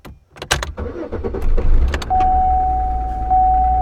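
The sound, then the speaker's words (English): A few clicks and clunks, then a car engine catches and settles into a steady low rumble while a sustained electronic warning tone sounds over it. “You start the car and some little light pops up on the dashboard.”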